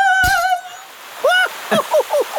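water gushing

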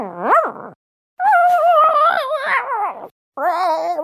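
dog growling

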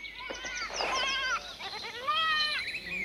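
goats bleating

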